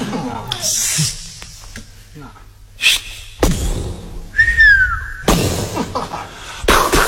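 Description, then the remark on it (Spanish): A bottle rocket gives a short, shrill whistle that dips slightly in pitch, surrounded by loud bursts of crackling noise and voices talking. “¿Qué es eso? ¿Una cañita voladora?”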